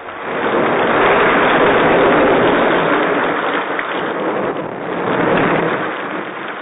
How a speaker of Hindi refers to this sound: दोस्तों एक दिन बहुत तेज बारिश हुई।